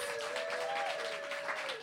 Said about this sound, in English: Another round of applause for all of the readers.